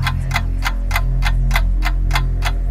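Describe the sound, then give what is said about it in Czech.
A countdown clock ticks steadily, about nine crisp, evenly spaced ticks, laid over a low, sustained musical hum. “Už to tiká.”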